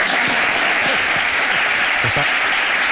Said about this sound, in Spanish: Orgullosos de que vuelva uno de los mejores entrenadores del mundo, un madridista como es José Mourinho. Un aplauso.